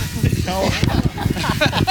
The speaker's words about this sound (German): Also hier ist nur noch Schnauferei. Das waren die Highland Games.